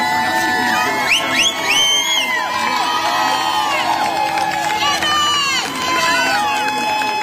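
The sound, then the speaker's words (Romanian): Hundreds of women cheer and shout at a rally in the United States, high voices overlapping in rising whoops and calls, loud and continuous for the whole stretch with no pause. “Da, erau imagini din Statele Unite unde sute de femei s-au adunat în sprijinul unei mame care și-a ucis copiii, 3 copii în 2023.”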